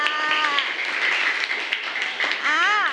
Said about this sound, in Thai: ปรบมือให้หน่อยค่ะ